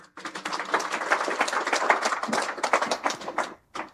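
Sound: applause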